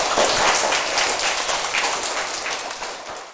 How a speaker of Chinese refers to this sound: 水资源，哦，我觉得你的这个想法应该值得大家一个掌声啊，请坐。